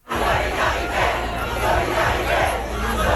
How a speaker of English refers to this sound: The student protests, like this one in Paris today, began last week and spread across France.